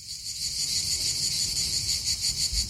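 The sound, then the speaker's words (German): A dense, unbroken chorus of cicadas buzzes and shimmers at a high pitch on a summer evening, steady throughout, with a faint low rumble underneath and no voices. “Sie hören Zikaden.”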